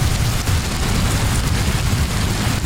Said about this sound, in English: Yeah, rain, something most of the UK hasn't seen in weeks.